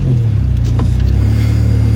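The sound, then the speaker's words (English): A car engine drones steadily and loudly throughout, with a single brief bump or crunch of impact partway through as the car, making many turns, hits other cars parked in a crowded parking lot. No voices. “A lot of crumpling sounds.”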